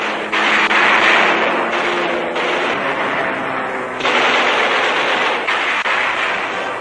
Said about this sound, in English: Enemy planes are hit. Japanese airfields on Mindanao and other land installations are plowed up by explosives. 3 score Japanese planes destroyed.